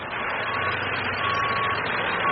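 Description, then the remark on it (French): A truck's steady, continuous engine rumble, with a thin backup-alarm tone sounding intermittently over the broad road noise, as the truck is quickly moved out of the way while a queue forms behind it. No one speaks. “Il coupe la conversation car il doit vite dégager son camion derrière lequel se forme déjà une file d'attente.”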